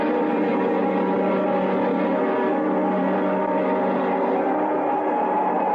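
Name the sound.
train running on rails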